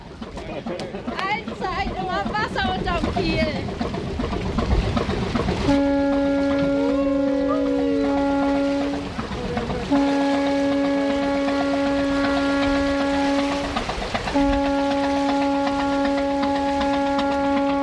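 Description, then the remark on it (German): A ship slowly pulls away from the quay with its engine running and lines cast off, its deep horn sounding three long, steady blasts over a low rumble, after a few seconds of crowd chatter and voices on the dock. “Der Motor läuft, die Leinen werden losgemacht. Langsam bewegt sich das Schiff vom Kai weg.”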